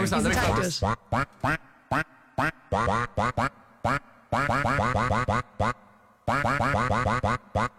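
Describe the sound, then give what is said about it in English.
A song melody from an animated film, built entirely from duck quack samples, with short, loud quacks pitched up and down in quick rhythmic phrases separated by brief pauses. “I will say, Matt, the duck did struggle a bit with this one, but...”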